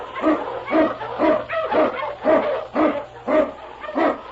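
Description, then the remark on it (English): King, a husky sled dog and Eskimo lead dog in The Challenge of the Yukon, barks steadily and loudly, about eight or nine sharp barks in an even, rapid rhythm, with a faint low hum underneath and no talking. “King, the swiftest and strongest of Eskimo lead dogs, blazes the trail through storm and snow for Sergeant Preston as he meets the Challenge of the Yukon.”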